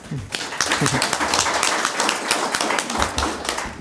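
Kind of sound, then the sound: crowd, small audience applause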